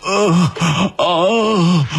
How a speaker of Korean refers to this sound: 몸은 말을 듣지 않았지만 정신만큼은 놓으면 안 된다는 생각이 들었다. 일부러 계속 쉬는 소리를 냈다.